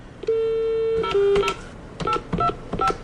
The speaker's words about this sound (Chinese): 对不起，您要的号码无法接通。 记者多次拨打张祥华的电话，可始终无人接听。